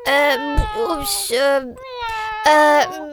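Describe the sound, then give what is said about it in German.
A cat meows several times in quick succession, each call a drawn-out, wavering cry that rises and falls, loud and close with brief gaps in between. “Die Katze in deiner Liederkiste eingesperrt?”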